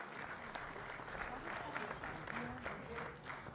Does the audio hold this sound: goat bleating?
no